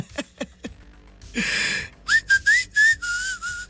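Someone whistles a short, clear tune, several quick rising notes followed by a longer steady tone, after a few soft clicks and a brief breathy rush of air.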